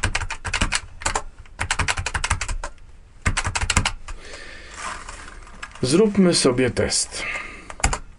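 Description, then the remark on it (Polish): Bursts of quick, crisp key presses on an 8-dot braille keyboard being tested in a demonstration, clicking in rapid clusters with short pauses, fairly loud; a voice speaks briefly near the end between presses. “8-punktowa klawiatura brajlowska.”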